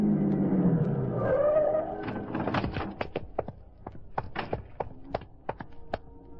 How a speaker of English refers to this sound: I found my way out of the warehouse, climbed in the big black sedan, and drove across town to the block that ran into River Street.